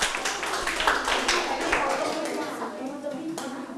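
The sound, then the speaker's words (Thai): A group of students claps for a classmate who gave a correct answer during a group presentation in class: a dense, uneven patter of many hands, loudest in the first couple of seconds and then tapering, with some voices murmuring underneath. “ถูกต้องปรบมือให้เพื่อนนะครับ”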